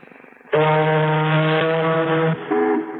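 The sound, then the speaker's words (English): A man's voice blares a long, loud, steady horn-like drone, imitating an ocean liner's horn, holding the deep tone for about two seconds before a shorter second blast. “Now, an ocean liner?”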